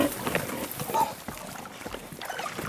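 Porc Negre pigs, kept outdoors for nearly their whole lives by a breeder, grunt in short, rough, irregular bursts over a steady wash of outdoor noise, the low snorts coming one after another for a few seconds at moderate loudness.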